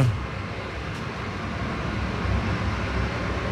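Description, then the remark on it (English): A garbage truck rumbles with a steady, heavy engine drone and broad mechanical noise that stays loud and constant throughout, with no voices. “I did notice that there's a garbage truck.”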